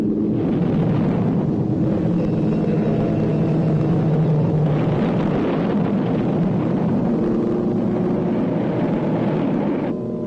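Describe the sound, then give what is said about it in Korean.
Aerial bombs dropped by dozens of American planes on Sinuiju, Korea, explode in a continuous, heavy rumbling roar that holds steady for about ten seconds, the blasts blurring together rather than standing apart, shaking windows in Dandong across the Yalu River. No one speaks. “비행기가 투하하는 폭탄은 신의주에 떨어졌지만 드넓은 암록강을 사이돈 단동시의 유리창들도 부르르 떨렸다.”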